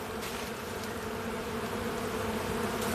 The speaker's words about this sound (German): Nur ein Schwarm Bienen erfreut sich gerade am dichten Grün.